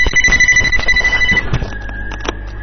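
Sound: telephone ringing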